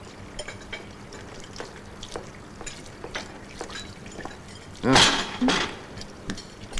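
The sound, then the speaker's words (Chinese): Dishes and cutlery clatter in a sink amid running water as they are washed, with scattered light clinks and a louder burst of clanking and splashing near the middle. “告诉你，我来这里洗碗呢，只是暂时的”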